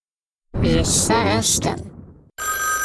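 telephone ringing

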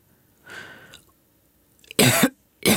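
rattling

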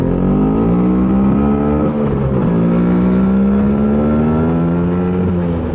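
vespa scooter engine revving

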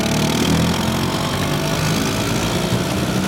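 vespa scooter engine running

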